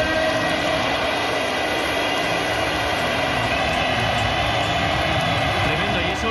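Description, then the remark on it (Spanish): A stadium crowd gives a loud, sustained ovation, a dense roar of cheering and applause that holds steady without a break, greeting Barça's star summer signing Rodrigo Hernández as he steps onto the pitch. “como tú bien decías, la ovación de la tarde, vamos a escucharla.”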